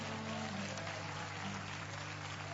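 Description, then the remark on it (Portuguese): A worship audience claps steadily and continuously in praise to the Lord during a live service, a dense wash of applause, with a low sustained tone humming underneath. “Pode aplaudir ao Senhor com mais alegria.”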